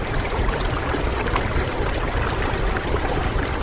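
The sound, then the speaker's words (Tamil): Sea waves roar in a steady, loud wash of churning water, a continuous rushing surge with no pauses and no voices. “அலைகடல் ஆர்ப்பரித்துக் கொண்டிருந்தது.”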